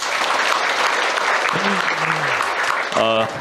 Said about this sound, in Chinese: 谢谢大家，我们也把掌声送给到场的每一位年轻的和可爱的以及热爱文学的书友们，欢迎各位。